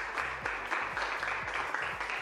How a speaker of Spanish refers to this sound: Un fuerte aplauso para Jesús. Amén.